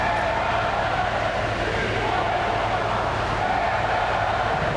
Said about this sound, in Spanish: Como en años anteriores, se han escuchado abucheos e insultos a la llegada del presidente.